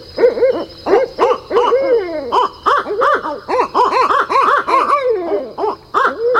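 An owl hoots in a rapid, rhythmic series of arched calls, loud, repeating steadily with brief pauses between bursts and a faint high hiss in the background.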